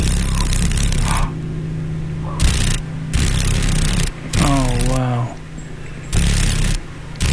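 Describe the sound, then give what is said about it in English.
The wings of a female paddle-tailed darner dragonfly, a mosaic darner found in Alaska, vibrate rapidly in loud, buzzy, rattling bursts that come and go over a low, steady hum, with a brief wavering voice-like tone partway through. “Oh, can you hear the vibration? Those wings are vibrating pretty rapidly.”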